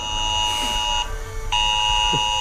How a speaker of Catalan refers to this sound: L'alerta en els mòbils per les possibles pluges de demà... Sí, exacte. Aquesta, que va sonar ahir a 10:15, més o menys, a tota la gent del litoral i prelitoral.